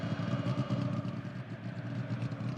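A motor exhaust rumbles low and steady, fairly loud, with a continuous throaty drone and slight fluctuations rather than sharp revs. No one speaks.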